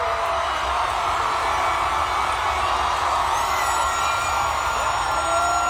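A loud, steady roar of a cheering crowd, the loudest cheer of the event, dense and sustained throughout with scattered whoops and shouts rising out of the wall of noise, no individual voices standing out; the cheer went on for five minutes.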